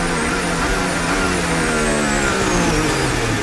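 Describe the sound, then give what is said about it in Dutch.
A loud racing car engine roars continuously, its pitch dropping as Verstappen's car brakes hard into turn 15. No one speaks. “En hier het moment van het verremmen van Verstappen in 15.”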